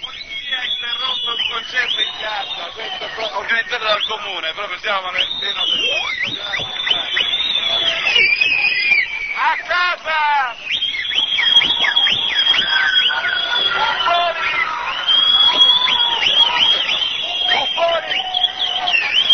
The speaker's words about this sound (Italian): E spazia da discussioni di vario tipo a degli scoop, a delle registrazioni dal vivo in cui a Catania la polizia interrompe un concerto organizzato dallo stesso comune. Buon ascolto. Registriamo questo intervento della polizia.